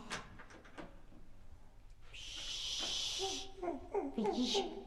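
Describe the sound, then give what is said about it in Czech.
A few soft knocks and clicks, then a door slides or swings open with a long, rasping hiss as someone who came up the stairs enters, followed by lively voices murmuring. “Takže nepřijede výtahem, ale přijde dveřmi.”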